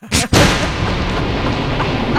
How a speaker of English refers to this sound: I had to explain to my cousin's husband, who was 35 at the time, that thunder does not come from two clouds crashing into each other.